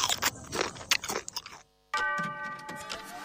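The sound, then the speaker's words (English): Crisp crunching from someone biting into a creamy, crunchy Nabisco Coaster cookie, several crackly bursts in quick succession, then a brief silence before a steady ringing tone takes over. “Creamy, crunchy Nabisco Coaster.”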